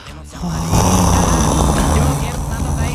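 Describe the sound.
A voice imitates snoring with a loud, sustained rasping rumble that starts after a brief pause and holds steady for about two and a half seconds.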